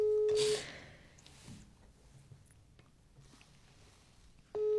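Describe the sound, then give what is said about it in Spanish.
A telephone ringback tone on an outgoing call to the phone of a governorate's secretary general: a steady, buzzing ring opens, fades into a few seconds of quiet line hiss, then the ring starts again near the end. “Ahí está sonando el teléfono de Fabio Morales.”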